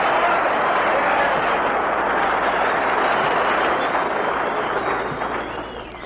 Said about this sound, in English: Darn it, that's more applause than I got.